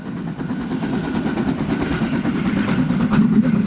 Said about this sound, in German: Die Harzer Schmalspurbahn schnaufen sich da durch Wälder und Berge.